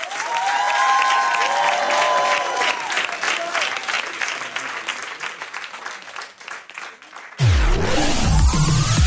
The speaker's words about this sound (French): Applaudissez-vous, merci.